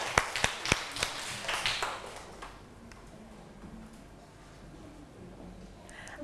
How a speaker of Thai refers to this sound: เอาปรบมือให้เพื่อนเราหน่อยค่ะ